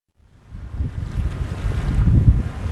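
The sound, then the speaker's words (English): Blustery sea wind rushes across the microphone while ocean surf churns and rumbles beneath on Cape Cod in sunny summer weather, building steadily louder over a few seconds with no voices present. “Ah, summer on Cape Cod. Sun, ocean breezes, and plenty of waves.”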